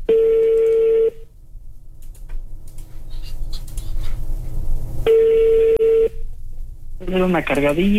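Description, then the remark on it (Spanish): A prank phone call rings out unanswered with two long, steady ringback tones spaced several seconds apart, quiet line noise between them, before a recorded-sounding voicemail voice starts at the end. “Chale, no contesta. Buzón de voz.”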